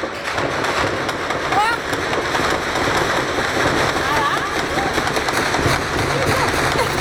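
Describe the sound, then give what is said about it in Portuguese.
Gunfire crackles in rapid, overlapping bursts during a shootout between rival criminal factions in Rio de Janeiro, Brazil, a dense steady rattle of shots over a noisy background, holding at a fairly constant loudness throughout. “A bala tá voando!”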